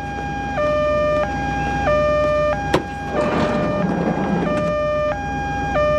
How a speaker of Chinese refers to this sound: 这是救护车，当然是救命了。躲开！